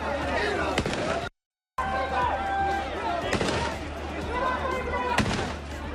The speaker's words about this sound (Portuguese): Houbo carreiras entre os migrantes e a situación obrigou a efectivos da unidade de intervención policial a que realizaran disparos ao aire.